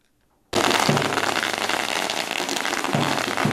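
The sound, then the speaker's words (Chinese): After a brief silence, a long string of firecrackers erupts into a loud, dense, continuous crackle of rapid pops that holds steady to the end with no voices, as the Pumen High School baseball team walks into the school campus. “鞭炮声不断，球员整齐走进校园，两旁学生热烈迎接。”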